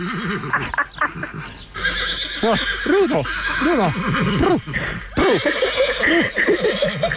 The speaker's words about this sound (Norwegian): Altså, nå står jeg her med hesten.